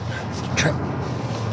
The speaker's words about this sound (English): Truck.